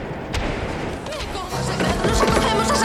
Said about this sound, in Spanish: Al llegar ante la puerta principal de la catedral, la mujer golpeó insistentemente el enorme portón de madera.